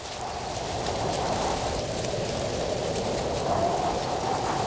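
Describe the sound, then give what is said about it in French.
A steady, rushing whoosh of wind through tree leaves in the woods, a broad hiss with a low murmuring undertone that holds at an even level throughout, with no voices. “Tu entends le vent dans les arbres?”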